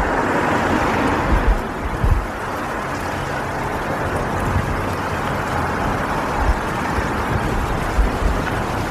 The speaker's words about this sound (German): Alles ist so laut geworden. Tag ein, Tag aus, dieser Lärm. Sirenen heulen. Autos rasen an einem vorbei und hupen.